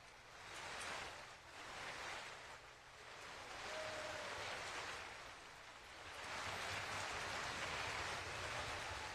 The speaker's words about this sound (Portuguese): Público de pé, aplaudindo a performance da escola Bárbara Galante e também da Orquestra de Minas Gerais, sob a regência do maestro Fábio Mechetti.